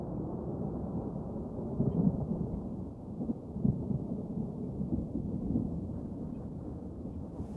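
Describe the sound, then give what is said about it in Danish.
Low, distant thunder rumbles continuously, swelling in a few soft rolls against a muffled, steady background. No voices are heard. “Og mens tordenvejret buller i det fjerne,”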